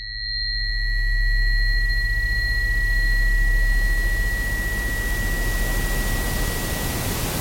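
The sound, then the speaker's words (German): A steady, loud rushing noise spread evenly from deep lows to hissing highs, with a low hum underneath and two thin sustained tones ringing through it, continuing without pause. “Rauschen ist ein permanentes Tönen, aber eben in allen Frequenzspektren zur gleichen Zeit.”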